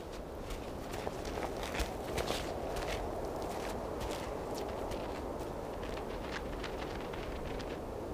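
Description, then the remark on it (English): A fox's footsteps crunch softly and steadily, one after another, as it stalks a target where bison have dug for grass, over a constant low rumble of background noise with no voices. “Every footstep counts.”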